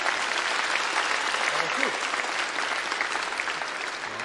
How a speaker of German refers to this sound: Ja, sehr schön. Vielen Dank für diese tolle Idee. Großartig. Nochmal einen Applaus für unseren Pauker, bitte.